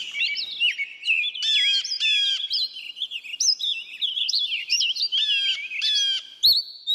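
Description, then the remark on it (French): Several songbirds chirp and trill continuously in the thickets near Walden, a small lake in Massachusetts where Henry David Thoreau built his cabin. Their bright overlapping calls and rapid warbles fill a quiet woodland scene, clear with no voices present. “Les oiseaux que vous entendez sont ceux des fourrés près de Walden, là où Henry David Thoreau a construit sa cabane, Walden étant un petit lac dans le Massachusetts.”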